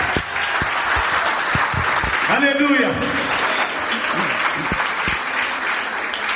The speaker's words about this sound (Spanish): Denle un aplauso a Él en esta hora.